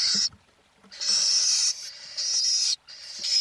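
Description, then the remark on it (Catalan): A little owl (Athene noctua) gives a series of harsh, hissing screeches, each lasting about half a second or more with short pauses between, loud with no other sounds. “Mussol comú, Atene noctua. Au que habita els camps oberts durant tot l'any.”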